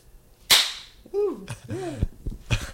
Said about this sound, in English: That sounds really good. I like the hand clap. That's a nice touch.